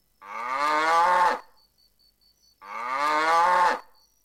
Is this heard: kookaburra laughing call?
no